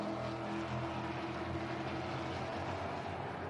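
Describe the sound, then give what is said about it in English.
A thick, continuous rumble of 18 V8 race car engines, together getting on for 10,000 horsepower, on Super Saturday of round three racing, several blending into one low, steady roar with a throbbing undertone that holds at an even loudness throughout, with no voices. “What a way to start off Super Saturday with the V8 rumble of these 18 cars getting on for 10,000 horsepower, bringing the campers to life this morning.”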